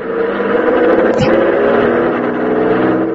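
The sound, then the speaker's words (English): A loud, steady car engine drone with a rising revving tone fills the whole recording, continuous, as the car squeezes past a vehicle blocking traffic by driving on the road shoulder. A brief sharp knock comes partway through, with no talking. “It looks like you might squeeze by in the shoulder. Here goes.”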